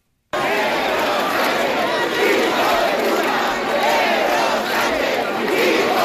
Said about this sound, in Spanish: Concentraciones como la de María Pita en A Coruña, en la que se han escuchado insultos al presidente del gobierno y gritos de Sánchez a prisión.